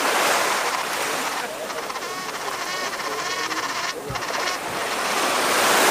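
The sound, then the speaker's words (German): Steady, loud roar of sea waves with gusting wind blowing fresh off the sea at Rostock, Germany, the surf swelling briefly and building again toward the end. “Der Wind weht frisch vom blauen Meer”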